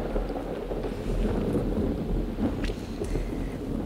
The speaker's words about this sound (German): Ein zauberhaftes Gewitter.